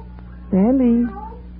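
A single clear cat meow, drawn out for about half a second with a rising then falling pitch, fairly loud over a steady low hum.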